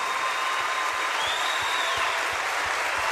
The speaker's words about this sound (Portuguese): Aplauda bem forte, aplauda mais forte. Vamos juntos celebrar, queridos.